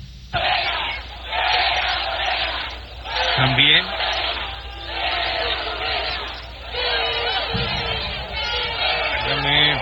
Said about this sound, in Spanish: Al grito de fuera Morena, celebran chihuahuenses el triunfo de la selección mexicana en la glorieta de Pancho Villa.